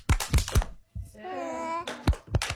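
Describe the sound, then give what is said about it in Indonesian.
Kindergarten children at TK Kemala Bayangkari clap the 'tepuk semangat' (spirit clap) chant: a quick burst of sharp hand claps, a drawn-out shouted syllable, then another short run of claps, all fairly loud. “Kalian punya tepuk tidak? Apa ya? Tepuk semangat.”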